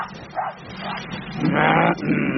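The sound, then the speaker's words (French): Trackers imitate a gorilla's call to be accepted by the group, making a few rough, bark-like grunts, the last and loudest stretching for about half a second over a steady, noisy background. “Les traqueurs imitent le son de l'animal pour mieux se faire accepter.”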